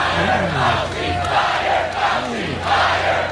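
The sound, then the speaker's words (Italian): A large crowd at a Trump rally chants loudly in unison for Fauci to be fired, voices swelling in rhythmic bursts about every second, with a dense roar of many people filling the space throughout. “Ai comizi la folla urlava di licenziare Fauci e Trump rispondeva che lo avrebbe fatto presto.”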